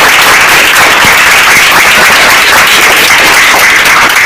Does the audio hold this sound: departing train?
no